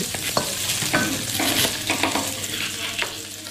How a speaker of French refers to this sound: Et du coup, qu'est-ce que vous préparez là ? Le poivron. Alors, on va faire une poêlée de poivrons avec des chicons et du seitan.